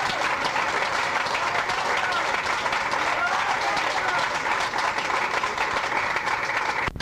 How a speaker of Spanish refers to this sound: Otro aplauso a nuestro Señor, hermanos. ¡Gloria a Dios!